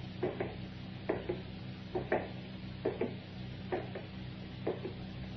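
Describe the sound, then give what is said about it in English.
A rocking chair by a window, rocking by itself in an otherwise empty room, creaks back and forth in a steady rhythm, each sway giving a paired wooden creak about once a second over a low, constant hum, with no voices. “The rocking chair. Why, it's rocking by itself.”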